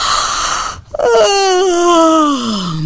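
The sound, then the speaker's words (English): A voice acts out a big stretching yawn: a quick breathy intake, a brief pause, then a long drawn-out vocal groan that slides slowly downward in pitch. “One morning, he woke up and he stretched and he yawned.”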